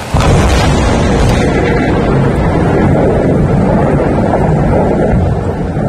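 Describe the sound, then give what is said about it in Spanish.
A thunderstorm with heavy wind and rain at the peñas de Riglos in Aragón roars continuously and loudly, with deep rumbling underneath. No voices are heard. “Como si fuera una coreografía de la naturaleza, las tormentas han dejado en las últimas horas esa furia particular que tienen contra el fuego de las peñas de Riglos.”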